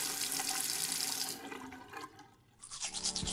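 A faucet left open runs steadily into a sink, a continuous hiss of splashing water that briefly softens and changes tone before the stream picks up again, fairly loud with no voices.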